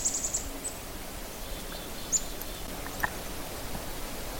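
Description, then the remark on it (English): Faint, high-pitched whiny calls of a large bird, a quick cluster at first, then a couple of isolated cries, against a quiet woodland hush near West Bearskin Lake. “They make some sort of high, kind of, they're kind of little whiny sounds.”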